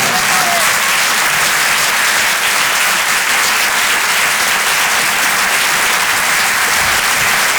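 A crowd breaks into loud, sustained applause after a comedy set broadcast live on the Rire et Chanson radio station, a dense steady roar of many hands clapping that holds at full strength for several seconds without any voices standing out.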